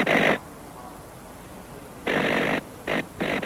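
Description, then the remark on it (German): Loud, harsh crackling bursts of a spark-gap radio transmitter telegraphing in Morse code, buzzing on and off in uneven pulses: one short burst, a pause, then a longer burst and two quick ones. “Das laute Knattern des Knallfunkensenders ist weithin zu hören.”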